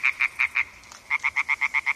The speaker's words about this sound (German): Quakende Frösche und rufende Fledermäuse. Wir sind an einem Weiher in Oberbayern. Eine Aufnahme des Klangkünstlers Joshua Bonetta.